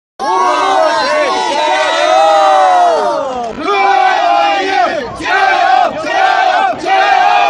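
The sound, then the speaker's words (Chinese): A large crowd of football fans of various ethnic groups roars continuously in the Urumqi Olympic Sports Center, Xinjiang, about an hour before an opening ceremony, the 28,000-seat stands more than half full; many voices shout and cheer together, loud throughout, with a few rhythmic surges like chanted calls rising and falling over the steady din. “那么随着开赛时间的临近啊，现场的氛围也是越来越热烈，各族球迷的呐喊声、欢呼声交织在一起，凝聚成了最动人的绿茵乐章。”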